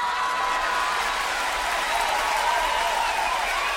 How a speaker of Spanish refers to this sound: ¡Aplauso porque es la única en el mundo!